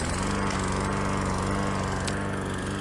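A lawn mower engine runs steadily and loudly, its rough rhythmic drone holding constant for the whole stretch with no voices over it.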